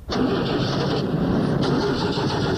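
The engine of a damaged car cranks loudly and steadily for a few seconds as someone tries to start it, a continuous grinding churn that never catches or settles into an idle.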